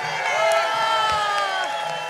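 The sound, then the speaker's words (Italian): A crowd of 600 people at a concert evening roars and shouts together on the host's request in one sustained, loud burst of cheering that holds steady for a couple of seconds. “Questa sera siete 600, fatemi sentire un urlo di 600 persone.”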